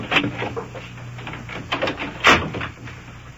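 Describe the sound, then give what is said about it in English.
A door is pushed shut with a solid clunk, preceded by some rattling and handling noise, all over a steady low background hum with no one talking. “Shut the door there.”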